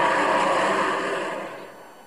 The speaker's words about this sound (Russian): Голосует, но машина не останавливается.